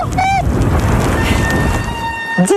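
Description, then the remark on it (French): A thin, high-pitched bicycle brake squeal on a steep 10% descent toward La Benâtre in Mayenne, France, rises over steady rushing wind and rolling noise, with a brief wavering squeak at the start and a sustained whine holding for over a second. “Ah, le joli son des freins.”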